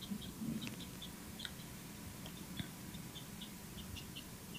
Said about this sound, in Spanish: Eso es... Sí. Eso es como un ave, ¿no?